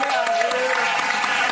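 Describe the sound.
A live audience applauds, a dense, steady patter of many hands clapping at once, mixed with crowd voices and a few shouts throughout.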